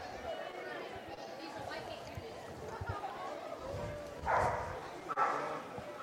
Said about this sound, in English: Dogs still barking, making their presence known at the ballpark.